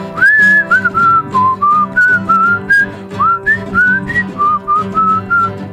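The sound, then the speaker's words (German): Someone whistles a clear, flowing tune, phrase after phrase, over a steady instrumental accompaniment playing underneath. “Ich pfeife.”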